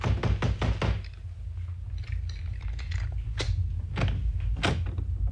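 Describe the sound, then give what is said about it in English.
Police knock on the locked door of an upstairs room: a quick burst of about five firm knocks, followed by a few slower, scattered knocks over a low background rumble. “Open up, please. Police! The door's locked. Come on, open up.”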